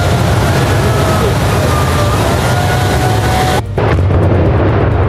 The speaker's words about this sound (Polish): 50 kg dynamitu kontra 7 tysięcy ton żelbetonu. W Jastrzębiu-Zdroju wysadzono wieżę szybową po byłej kopalni Jasmos. Konstrukcja wysoka na ponad 70 metrów zniknęła w kilka sekund, pozostawiając po sobie tylko chmurę pyłu.